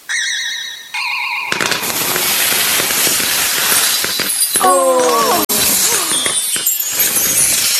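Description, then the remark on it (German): A bright magical chime, then a pudding explodes like a New Year's rocket above a Christmas tree top: a sudden burst of crackling sparkle with glassy clinking of straw stars, glitter baubles, little bells and candles, a whistling squeal sliding through the middle and a sharp crack near the end. “Du meine Güte, über der Spitze des Weihnachtsbaums explodiert der Pudding wie eine Silvesterrakete.”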